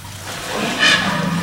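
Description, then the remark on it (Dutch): A steady hissing stream of liquid splashing onto the ground as an elephant urinates, growing a little louder partway through and continuing without voices. “Nou, dit is dan maar een heel klein plasje, maar die grote die drinkt zo af en toe, dan drinkt die 200 liter water op, bij wijze van spreken, zo aan elkaar.”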